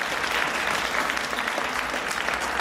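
An audience applauds steadily, a dense, even wash of many hands clapping at a fairly loud level, continuous throughout with no voices standing out.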